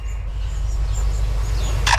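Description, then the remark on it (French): A lyrebird in Australia mimics a camera shutter: faint, thin chirps over a low rumbling background, then a sharp, brief mechanical click right at the end. No one speaks. “cet oiseau lire qui imite à la fois un appareil photo et ensuite une alarme de voiture et des tronçonneuses”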